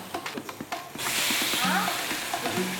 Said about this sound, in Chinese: 先把这个鸡翅煎到两面都微焦。